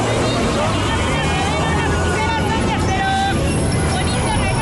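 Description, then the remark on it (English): Busy street ambience in Mexico City: a dense crowd hubbub of overlapping voices with steady low traffic rumble and engine noise underneath, loud and continuous throughout. “City is already chaotic on a normal day. Lots of traffic, street vendors, the metro is crowded, and somebody somewhere is almost always protesting.”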